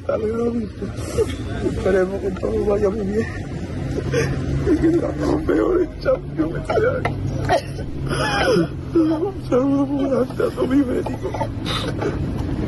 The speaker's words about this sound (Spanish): … con esas lágrimas y llorando, vamos, y desconsoladamente el chaval.